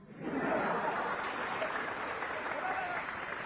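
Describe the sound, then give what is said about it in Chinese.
A steady burst of audience applause, dense and even, clapping swells in quickly and holds at a fairly loud level for several seconds. “那大伙先别鼓掌，鸡蛋怎么是黄忠呢？”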